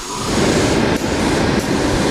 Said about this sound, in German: Doch wenn in ihrem Atelier die beiden Auszubildenden, Jahrespraktikant und Meisterin, an den Nähmaschinen sitzen, ketteln und säumen, wird's auch bei Ried Couture laut. Es schnurrt und rattert.